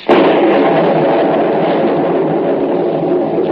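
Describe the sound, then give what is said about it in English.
A sudden loud crack of thunder from lightning bursts out and rolls into a heavy, sustained rumble that fades only slightly over several seconds, with no voices, as rain is about to start. “Lightning. Practically never strikes game.”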